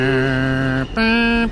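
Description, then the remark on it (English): A New York subway departure chime plays loud on the platform as the train is about to leave the station: three sustained, buzzy electronic tones that step upward after a brief break, with no voices. “And you hear these three pure high tones.”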